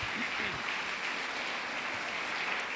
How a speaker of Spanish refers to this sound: Démosle ese fuerte aplauso a nuestro Rey Celestial, amén.